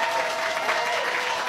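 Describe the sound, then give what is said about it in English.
A crowd applauds steadily at a musical performance on KRNN Juneau, a dense wash of clapping that holds at an even, fairly loud level throughout with no break or fade. “Yeah, what a great crowd tonight.”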